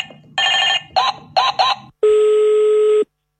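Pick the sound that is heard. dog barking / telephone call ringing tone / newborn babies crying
telephone call ringing tone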